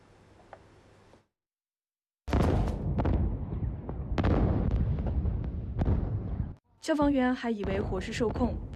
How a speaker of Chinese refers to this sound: 在台湾台南市安南区一处停车场空地凌晨发生大火，消防人员到场扑救时，在突然发生连环爆炸，爆炸威力惊人，造成至少14人受伤